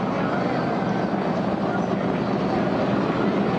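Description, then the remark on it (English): The engine of a big racing powerboat, a 2023 DCB named Killer B, on course at the Shootout, roars steadily and loudly throughout, a dense, continuous rumble with a rough, churning texture and no breaks. “Looks like we got another big boat on course. Yeah, I think a 2023 DCB, I believe.”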